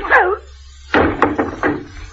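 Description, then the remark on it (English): A brief vocal grunt, then a sharp thud of a punch followed by a quick series of heavy bumps and clatter as a man is knocked down and tumbles to the floor. “What did you have to hit him for?”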